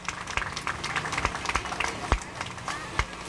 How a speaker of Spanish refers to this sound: Fuerte los aplausos.